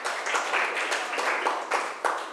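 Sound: classroom applause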